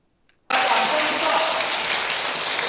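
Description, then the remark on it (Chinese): After a brief moment of quiet, warm applause erupts suddenly and holds steady: a dense, loud wash of many hands clapping that continues without pause to the end, with no voices, as a Buddha's Light International Association director enters a lecture at Fo Guang Shan Chung Mei Temple, held by the association's Houston chapter. “国际佛光会理事赵孤怀真在热烈掌声下进场”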